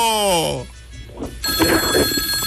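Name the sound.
telephone ringing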